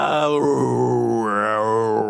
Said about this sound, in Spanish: Pero la más aterradora, al inicio de ese programa de radio, escuchabas una cripta, esa puerta ruidosa de la bóveda del cementerio que se abría por la noche.